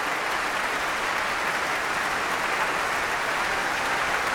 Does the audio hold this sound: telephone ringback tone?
no